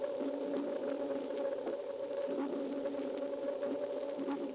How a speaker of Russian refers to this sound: Вы слышите эхо, отражающееся от подводных предметов. Эхо и рассказывает животным, что происходит вокруг них. Еще лучше эхо будет слышно, если замедлить запись дельфинов в 64 раза.